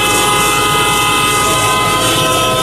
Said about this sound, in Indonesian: Dengerin orang klakson di jalan juga harus kuat.